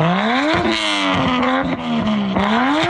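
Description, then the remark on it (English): A loud car with a noisy modified exhaust system revs hard through a rough, raspy exhaust, its pitch climbing quickly, then holding and rising again, with sharp crackles and pops breaking through the drone. “Councillor Lily Chang wants the city to explore the idea of a pilot project to ticket drivers with noisy modified exhaust systems.”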